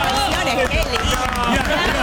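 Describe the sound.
A large crowd roars and cheers steadily for about two seconds, a dense, loud wall of overlapping voices with shouts rising out of the din.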